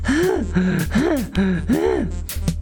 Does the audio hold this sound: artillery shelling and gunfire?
no